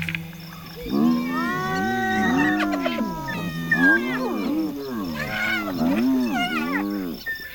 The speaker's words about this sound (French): Qu'est-ce qui vous prend de beugler comme ça, les hyènes ? Y a du danger dans l'air ?